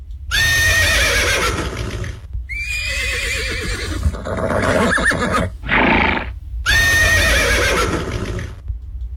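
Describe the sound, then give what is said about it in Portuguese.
A herd of young horses neighs and whinnies in loud bursts, one after another with brief gaps, shrill quavering calls over a low rumbling background and faint hoof sounds. “No relincho da potrada, vai começar mais um programa dedicado à cultura gaúcha.”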